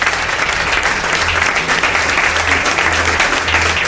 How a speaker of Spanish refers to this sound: Os pido un aplauso, es el nuevo flamante director de programas de Radio Nacional, Roberto Santamaría.